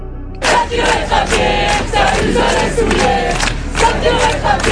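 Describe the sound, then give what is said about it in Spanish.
A large crowd of protesters in France, including students, public workers and farmers, chants and shouts against the French government in loud, rhythmic bursts, many voices rising together in repeated cries over a constant roar of noise. “El primer ministro Le Cornu ha pedido a los ministros que presenten medidas antes de final de mes, un nuevo estallido de protestas que se agregaría con más presión contra el gobierno francés, a tan solo 7 meses de las elecciones presidenciales.”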